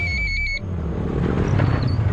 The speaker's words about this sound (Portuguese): Ouviu essa moto? Deve ser um entregador.